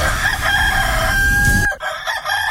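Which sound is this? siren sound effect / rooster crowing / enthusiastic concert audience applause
rooster crowing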